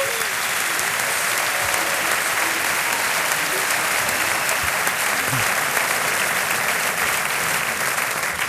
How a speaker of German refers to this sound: Eine Form von Applaus zu euch nach München und weiterhin viel Spaß bei Bully und Rick.